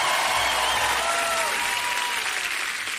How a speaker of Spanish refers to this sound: aplauso fuerte